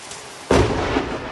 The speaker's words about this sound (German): Ein gewaltiger Blitz kracht in das Haus